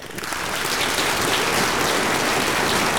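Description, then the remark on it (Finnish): Dense, steady applause given for a good answer fills the whole stretch, a continuous crackling patter that swells in over the first half second and then holds at an even, fairly loud level with no voices. “Mä annan sulle aplodit.”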